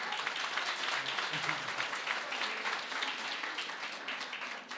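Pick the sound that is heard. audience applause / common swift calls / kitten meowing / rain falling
audience applause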